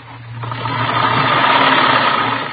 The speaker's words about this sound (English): She was sitting calmly at a sewing machine, stitching ruffles on a dress.